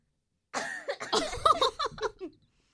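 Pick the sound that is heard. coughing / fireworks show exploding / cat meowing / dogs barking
coughing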